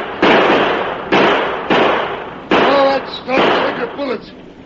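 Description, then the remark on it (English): Four loud, sharp gunshots crack out at uneven intervals, each with a brief ringing tail, while shouting voices rise beneath the last shots and continue afterward. “Stop, take your bullets. No sense wasting lead.”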